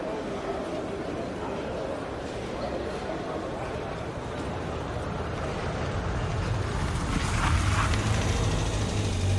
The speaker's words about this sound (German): Ja, und wenn man noch ein paar Geräusche hinzufügt, so wie Schritte, Kleingeldgeklimper, ein Auto und eine Menschenmenge, dann könnte sich eine Hörspielszene so anhören.